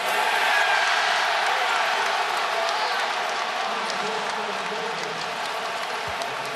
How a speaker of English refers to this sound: Crowd trying to rattle James Harden. Harden, 3 of 4 from the free throw line.